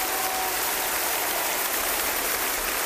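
A large concert audience applauds in a dense, continuous roar of clapping that stays steady and loud throughout, with individual claps blurring into a hiss-like wash and no voices standing out.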